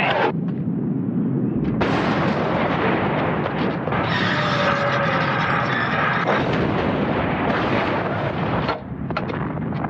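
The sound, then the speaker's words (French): A loud, relentless artillery barrage of 75 mm field guns firing shells, with heavy booms and blasts overlapping into a continuous roaring rumble that never lets up, and no voices. “Un canon de 75, ça peut tirer 20 obus par minute.”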